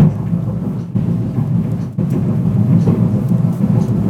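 A deep, continuous low rumble, heavy and steady like a freight train passing, comes through a building as a background noise that recurs every other week, with no voices over it and only brief dips in its loudness.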